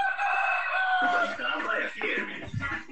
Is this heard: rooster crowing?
yes